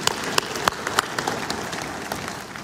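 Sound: audience applause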